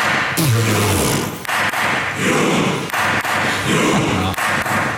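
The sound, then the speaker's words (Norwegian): Storting president Masud Gharahkhani bangs a gavel on a desk several times in the Norwegian parliament, sharp hollow knocks at uneven intervals over a constant wash of loud background noise. “Sto med klubba og deisa I pulten. Første slaget kommer.”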